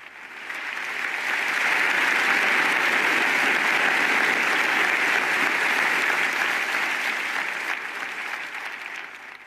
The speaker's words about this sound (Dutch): Een applaus dus van de professoren en studenten van de La Sapienza Universiteit in Rome na deze mooie toespraak van de Heilige Vader.